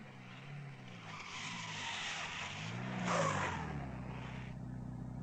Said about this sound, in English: The staff car came to within 50 metres of the plane and then pulled to a halt, the driver sensing that all was not well.